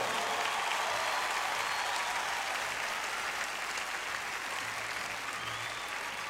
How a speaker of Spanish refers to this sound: para Guadalajara, saluda a toda América Latina con un increíble aplauso.